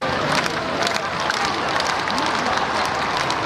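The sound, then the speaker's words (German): Hundreds of thousands of people lining the Champs-Élysées in Paris cheer and applaud Pope Leo XIV as he rides past in the open popemobile, waving Vatican or French flags and chanting, a dense, steady, loud roar that continues throughout. “Hunderttausende Menschen säumen die Champs-Élysées, jubeln dem Papst mit Vatikan- oder Frankreich-Fahnen zu, als er im offenen Papamobil die Straße entlang fährt.”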